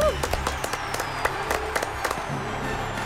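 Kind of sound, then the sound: crowd, applause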